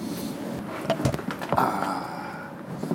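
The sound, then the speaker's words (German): A tram door opens with a pneumatic hiss and a few mechanical clunks after the tram is parked at the end-station depot, set against a steady rumbling background with no one speaking. “So, Tür auf.”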